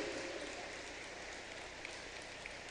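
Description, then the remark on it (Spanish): A crowd at a prize draw claps steadily for the winner of lot number 3, a dense, continuous patter of many hands at moderate loudness with no voices over it, holding even for the few seconds heard. “Parece, señor, que lo queremos aplaudir entre todos.”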